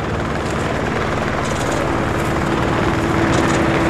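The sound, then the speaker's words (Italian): Loud, steady rotor noise of numerous helicopters flying overhead and nearly crossing paths in very high temperatures: a dense continuous thrum with a low engine drone. No one speaks. “Gli elicotteri sono numerosi, quasi si incrociano.”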